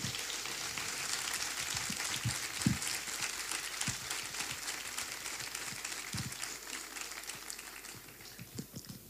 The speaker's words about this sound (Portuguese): Em nome dela, peço uma salva de palmas à atual direção do Grupo Folclórico Danças e Cantares de Carreiro.